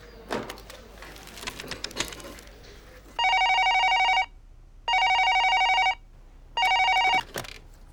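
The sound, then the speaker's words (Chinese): Some rustling and clicks, then a telephone ringback tone rings three times during an outgoing phone call, each buzzy electronic burst lasting about a second with short silent gaps between, clear. “我再打一个电话，好吧？”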